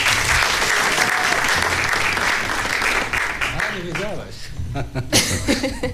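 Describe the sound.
An audience applauds loudly, a dense wash of clapping that holds steady for a few seconds, then thins out as a voice begins speaking over the fading claps.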